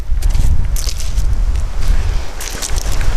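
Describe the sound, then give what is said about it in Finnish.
Strong wind roars and buffets outdoors in a steady, loud low rumble, with scattered crunchy crackles like footsteps on rough ground mixed in, at a building site on a lake shore in Korpi, North Karelia, Finland, as someone walks in and climbs over a log into an old red log cabin. No one speaks. “Ja mennäänkin muuten kovassa tuulessa.”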